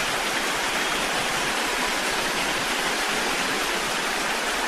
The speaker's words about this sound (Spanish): Denle un fuerte aplauso a Dios por su palabra, por su amor y por la vida de Verónica.